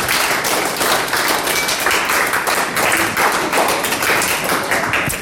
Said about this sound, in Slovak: Takže ďakujeme krásnejšie. Veľký aplauz, tak, správni.